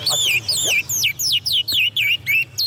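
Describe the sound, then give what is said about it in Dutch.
A songbird chirps in a quick, steady series of bright, high, sweeping notes, about eight or nine in a row, clear with a faint low hum underneath. “Bij mij thuis worden de vogels verzorgd door mijn vrouw en mijn dochter.”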